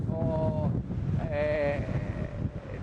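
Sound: strong wind blowing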